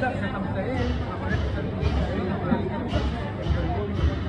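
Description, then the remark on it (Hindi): The crowd of a large religious procession heading to a nearby Buddhist monastery murmurs continuously, many overlapping voices blending into a steady, fairly loud hubbub with no single speaker standing out. “अरे ये तो बहुत बड़ी शोभा यात्रा है, कितनी भीड़ है।”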